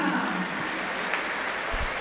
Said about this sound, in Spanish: Tímidos aplausos para Vera.